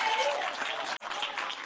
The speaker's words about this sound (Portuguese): Pegar o azeite, cadê o glória para as palmas, gente?